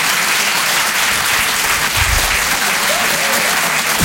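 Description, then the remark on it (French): Loud, sustained applause from a large comedy show audience in Paris, applauding themselves at the end of the evening, fills the whole stretch, dense clapping with a faint murmur of voices and a brief cheer rising through the crowd. “Wow, ouais, c'est bien public, vous pouvez vous applaudir très très fort, merci à tous pour cette soirée.”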